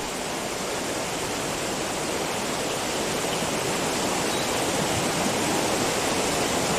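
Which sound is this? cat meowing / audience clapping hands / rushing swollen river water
rushing swollen river water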